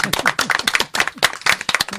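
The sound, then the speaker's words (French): A short burst of audience applause: many hands clapping in a dense, irregular patter at a steady, fairly loud level, with faint voices murmuring underneath. “Mais, on va vous applaudir d'ailleurs.”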